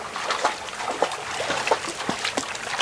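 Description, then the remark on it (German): Water in a small stream in a conifer forest trickles and babbles steadily, with small irregular splashes and gurgles breaking through a constant watery hiss; no voices are heard. “Immer wieder stoßen wir auf kleine Seen oder Bäche, aus denen die Pferde trinken können.”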